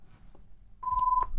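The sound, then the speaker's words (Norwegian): A telephone rings again during a bingo game with a single short electronic tone lasting about half a second, moderately loud over a low background rumble, with a couple of soft clicks around it. “Da ringer igjen, så får jeg si det samme nok en gang.”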